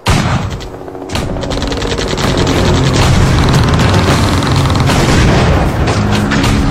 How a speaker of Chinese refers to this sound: 光华铺的阵地上，炮声枪声交织一片，夹着闪闪的火光。贵军的炮弹、机枪子弹不断地向四师的阵地倾泻过来，十团的防地首当其冲，可以说暴露在敌人的火力之下。